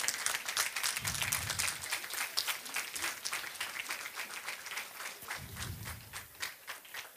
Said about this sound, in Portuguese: Chamo então Rancho Folclórico da Casa do Conselho de Ponte Lima de Lisboa. Um forte aplauso para eles, que vem de longe.